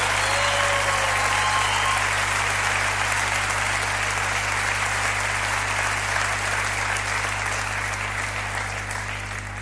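Sustained audience applause, a dense steady wash of clapping that holds strong for nearly ten seconds before easing slightly at the end, with a low constant hum underneath.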